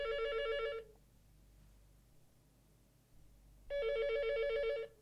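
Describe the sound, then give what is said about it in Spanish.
A telephone rings twice over the line as someone checks that the phone works, each electronic trilling burst lasting about a second with a quiet pause of hiss between them; no one speaks. “No hay ningún problema con el teléfono, pueden llamar”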